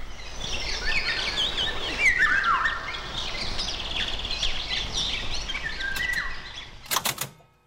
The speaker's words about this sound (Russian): Это «Птица-праздник. Песнь пугливой Иволги».